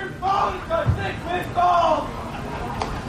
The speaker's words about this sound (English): Crowd's giving the home plate umpire Pedro Torres a tough time back there